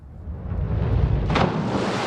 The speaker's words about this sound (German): Ihr ultimativer Sprung ist das volle Brett. Das ist halt eine Landung aus dem Splash-Diving und das soll es halt so laut wie möglich knallen und hochspritzen das Wasser quasi.